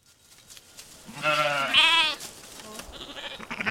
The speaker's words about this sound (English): Navajo weavers are bringing a flock of Churro sheep up the mountains to a summer sheep camp on top. It's a yearly celebration.